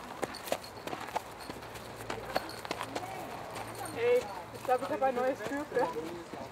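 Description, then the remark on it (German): Racehorses' hooves clop along at an unhurried walking pace as they are led up to the racetrack before a race, a steady run of sharp knocks, while indistinct voices murmur in the background toward the end. “Da führen sie die immer hoch da zur Rennbahn nachher.”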